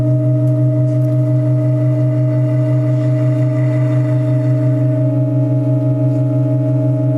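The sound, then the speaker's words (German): Organ pipes in the Burchardi-Klosterkirche hold a steady, unchanging chord of several low and middle tones, droning evenly at full volume, with a faint higher tone briefly joining partway through as a pipe sounding d' is added during a sound change. No one speaks. “So hat sich übrigens der Klangwechsel vor anderthalb Jahren angehört, als auch eine Pfeife dazugesteckt wurde mit einem gestrichenen D-Silenzio.”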